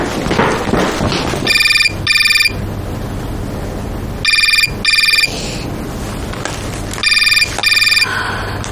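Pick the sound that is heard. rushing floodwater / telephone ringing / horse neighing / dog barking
telephone ringing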